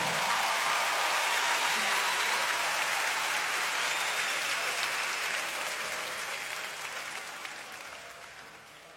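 A crowd applauds steadily, a dense wash of clapping with no voices over it, holding loud at first and then gradually tapering off toward the end.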